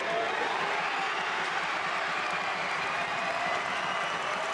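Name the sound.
stadium crowd cheering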